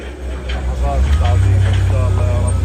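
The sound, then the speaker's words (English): A heavy diesel engine rumbles low and steady, swelling louder partway through as earth movers grind through piles of waste in Gaza City, loading it onto trucks, with faint indistinct voices in the background. “Across Gaza City, earth movers grind through piles of waste, loading it onto trucks”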